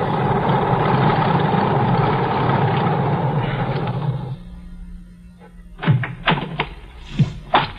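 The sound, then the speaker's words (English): A small single-engine propeller plane taxis up an airport airstrip, its engine droning loudly and steadily, then cuts off abruptly, followed by a few sharp metallic clunks and knocks. “I got to the airport just as the plane taxied up the strip. A single-engine job, just right.”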